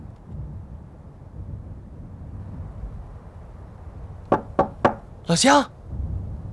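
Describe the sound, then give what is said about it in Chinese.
Three sharp, evenly spaced knocks on a villager's wooden door in Chen Zhuang as railway guerrilla fighters try to get it opened, followed by a brief shouted voice, over a low rumbling background. “洪哥，我那边敲不开。”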